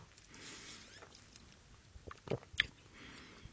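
Quiet mouth sounds of someone gulping down a cocktail from a tall green-striped glass with mint, with a couple of wet swallowing clicks near the end over faint background hiss. No one speaks.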